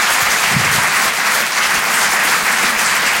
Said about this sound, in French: Vous écoutez la radio digitale Rire et Chanson Comedy Club. Je vous demande d'applaudir s'il vous plaît Ethan Lalouse sur Rire et Chanson.